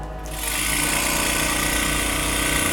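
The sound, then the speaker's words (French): A tissue lyser bead mill vibrates hard, shaking samples very fast with small beads inside to grind tissue to powder for DNA extraction; it starts up within the first half second, then holds a loud, steady, dense mechanical buzz with a fine rapid rattle, no voices present. “Donc, pour réduire en poudre les échantillons, on peut les mettre dans un tissue lyser. Donc en fait, ça va agiter très rapidement avec des petites billes à l'intérieur et donc ça va permettre de déstructurer le tissu.”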